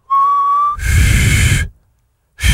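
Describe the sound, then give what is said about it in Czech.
A brief, clear whistled note rings out, then gives way to loud, breathy blowing with only a faint tone, two airy tries at whistling separated by a short silence, as a presenter attempts to whistle during a morning broadcast on Rádio Čas. “Ne, já jsem uměl aspoň zapískat. Tak ještě zkus.”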